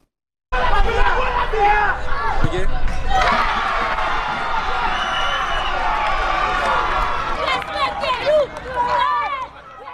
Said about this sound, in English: And finally for us, Haiti has scored a place at this summer's World Cup for the first time in more than five decades. And the kids are cheering.